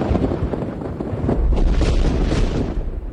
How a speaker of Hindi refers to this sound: चाफेकर बंधुओं के बलिदान को अधिक दिन नहीं हुए थे कि पूना में एक बार फिर बम का धमाका हुआ।